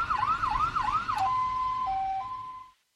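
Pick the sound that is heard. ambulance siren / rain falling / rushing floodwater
ambulance siren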